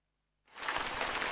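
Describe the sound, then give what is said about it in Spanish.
Steady rain begins abruptly after a brief silence, a dense, loud hiss of drops pattering, continuing without a break to the end. “La lluvia.”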